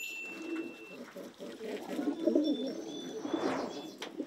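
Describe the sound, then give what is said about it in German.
Pigeons coo in low, throaty rolling murmurs that repeat steadily, with a few thin higher chirps and whistles scattered above, at moderate volume with no talking. “Die Tauben sind immer ganz eng beieinander.”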